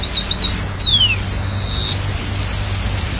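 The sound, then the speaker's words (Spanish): A tanquita bird sings a few clear whistles: two short notes, a long descending slide, then a loud sustained high note, over a steady hiss like light rain. “la tanquita es un pronóstico de lluvias y su canto es una señal que les indica la hora de despertar”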